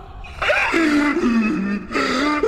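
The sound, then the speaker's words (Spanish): A voice imitates the devil whimpering and sobbing after being subdued by Saint Michael, two drawn-out wavering wails with a brief break between them, fairly loud with no other sounds. “El chamuco llorando después de que San Miguel le puso el sujeto.”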